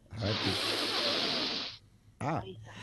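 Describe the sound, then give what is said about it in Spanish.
A long, loud, airy deep breath taken during a calming exercise, held for more than a second, then a short voiced sigh-like sound as it ends. Clear, with no speech over it. “Una respiración profunda.”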